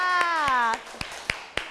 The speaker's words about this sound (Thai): ขอเสียงปรบมือให้กับกลุ่มที่4ค่ะ